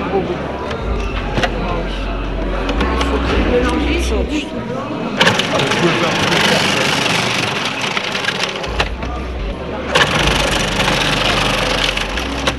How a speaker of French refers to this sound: le passe au robot mixeur et le dépose ensuite dans un saladier.